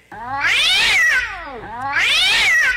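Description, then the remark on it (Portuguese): A cat yowls loudly twice after a stick is thrown at it, each drawn-out wail rising and falling in pitch, with a short dip between the two cries and no talking. “Dona Chica, admirou, cê. Do berro. Que o gato deu.”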